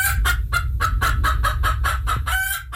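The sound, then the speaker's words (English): Chickens cluck in a quick, steady run of about ten short, loud bursts over a low rumbling background with no talking. “A Louisville, Kentucky auction house is selling off dozens of items belonging to the original Colonel, not sure if chickens were, live chickens were part of that.”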